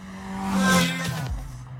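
A Toyota Celica driven fast on a lap, its engine revving hard, a loud, steady buzzing drone that suddenly drops in pitch partway through before settling into a lower growl. No one speaks.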